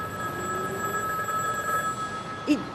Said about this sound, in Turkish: Telefon çalıyor.